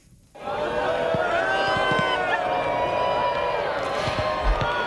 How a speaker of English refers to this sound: That's a crowd watching the solar eclipse, cheering as the moon moved in front of the sun, blocking its rays.